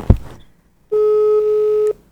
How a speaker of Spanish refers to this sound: Ah, pero aquí le estoy marcando y me suena ocupado. Ah, déjale, vuelvo a marcar.